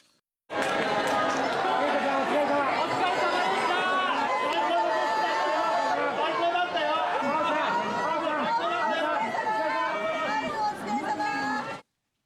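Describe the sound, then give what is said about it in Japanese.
About 500 fans cheer and shout excitedly in the arrival lobby at Narita Airport as the returning football players appear, many voices overlapping in a loud, continuous roar that stays steady for about eleven seconds before cutting off. “選手たちが姿を見せると大きな歓声が上がりました。”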